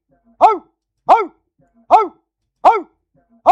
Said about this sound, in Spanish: Eso ya hasta parece el ladrido de un perro. O bueno, es de un perro, ¿verdad? Pero parece de un perro original.